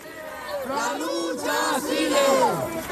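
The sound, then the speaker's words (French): Hundreds of protesters marching toward the Parliament in Madrid in tribute to Marie-Carmen chant "The struggle continues" in unison, loud rising and falling voices repeating the rhythmic phrase several times, dense layered shouting with no pauses. “Voilà, vous l'entendez, il crie « La lutte continue », tous promettent à Marie-Carmen de poursuivre le combat comme elle le leur avait demandé depuis son lit d'hôpital.”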